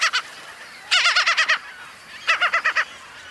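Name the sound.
gull calls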